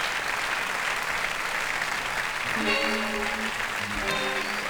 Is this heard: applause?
yes